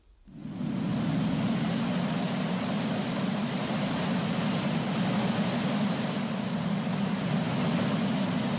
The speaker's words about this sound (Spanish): ¿Te esperabas un canto regional? Pues no, esto es el sonido del mar.